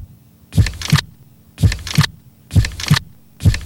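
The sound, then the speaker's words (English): A slow, steady heartbeat thumps in clear lub-dub pairs about once a second, loud, with near silence between beats and no voices. “It's beating steadily, slowly, one beat after another.”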